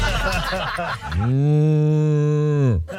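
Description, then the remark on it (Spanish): A person's voice imitates a cow's moo as a sound effect for Doña Vaca cheeses: one long, loud, steady low 'mmm' lasting about a second and a half, right after a short burst of speech. “Hay diferentes sonidos a las vacas. Depende del estado que esté la vaca.”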